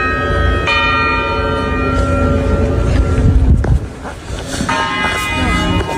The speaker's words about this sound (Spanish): Ahí está la campanita, son las 6 de la mañana y llevan sonando las campanas estas desde la 1:30 exactamente, cada 15 minutos, sin falla. Y esas campanas yo no las he escuchado en mi vida, o sea, las han empezado a poner solo para esto.